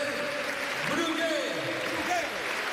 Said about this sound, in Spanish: hay la ovación del Ciutat que grita Brugui Brugui a uno de sus capitanes que se retira ovacionado